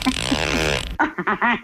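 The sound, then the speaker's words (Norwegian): A cupboard door creaks open in one drawn-out, raspy groan lasting about a second, loud, followed right after by brief voices. “Altså, det var det skapdør som knirker der”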